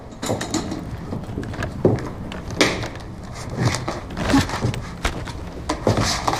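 A chair is carried over by two people together and set down, with a string of irregular wooden knocks, clunks and short scrapes, moderately loud, and no voices.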